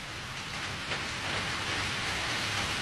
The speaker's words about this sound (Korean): 기승을 부리는 폭우의 울부짖음이 그의 귓전으로 흘러들었다.